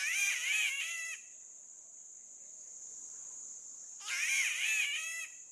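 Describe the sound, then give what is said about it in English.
A spotted catbird, nearly a foot long and emerald green with white spots, gives two harsh, wavering, cat-like wails about three seconds apart, each lasting about a second, over a steady high-pitched insect drone that continues throughout. “Like its neighbor, the spotted catbird, that's nearly a foot long and emerald green with white spots.”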